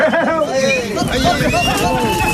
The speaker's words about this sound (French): Cette ambiance, elle est vraiment de chez nous. Camargue, Petite Camargue, ces sons mélangés de chevaux, taureaux et manadiers, c'est une signature ici.